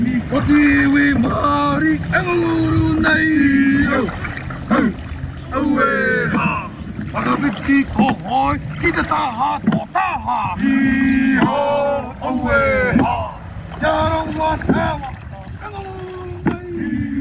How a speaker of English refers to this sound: So ideally you're looking at all the hoi, the paddles, enter the water at the same time and they exit at the same time. And if you're looking from the back of the waka, you should only see one. They should all be in a straight row.